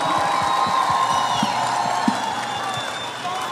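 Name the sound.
audience applause and cheering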